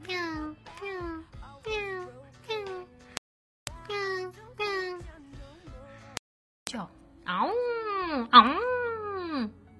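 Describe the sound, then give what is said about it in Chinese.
A cat yowls loudly: a run of short, drawn-out cries separated by brief pauses, followed by a longer, wavering howl that rises and falls. “叫的，就不是那种很可爱的喵喵喵，嗷呜那种叫法。”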